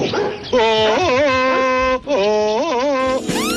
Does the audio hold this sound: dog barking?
yes